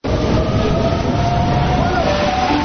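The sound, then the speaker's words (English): A train rumbles steadily and loudly at a station platform, a dense continuous roar with a faint high motor whine running through it for the whole few seconds. “Next train on platform 4 stops all stations to Wyong.”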